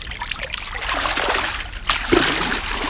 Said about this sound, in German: Ich stehe hier nicht alleine mit Schuhe aus und bis zu Knien schon im Wasser